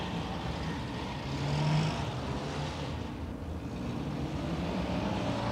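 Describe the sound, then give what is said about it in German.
A car drives along with a steady, droning engine and road noise, a low hum swelling briefly before settling into a constant wash of traffic sound. No voices are heard. “Na sag mal, kannst du nicht ein bisschen schneller fahren?”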